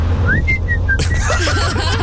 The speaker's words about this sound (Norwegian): Ja, fordi det var sånn tostemt blystring, kan du si.